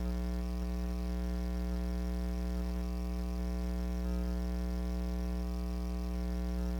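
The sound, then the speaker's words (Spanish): A steady, low idling engine rumble of slow street traffic with a constant humming drone runs unchanged for several seconds, even, with no talking and no passing vehicles standing out. “lento el tráfico, a pesar de que no ha iniciado, no ha arrancado todavía este recorrido.”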